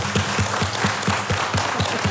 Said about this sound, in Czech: Ano, to poklepávání, které slyšíte ze svých rozhlasových příbačů, to nejsou řemeslníci, kteří by nezodpovědně pracovali. To klepe na svou kytaru Štěpán Rak.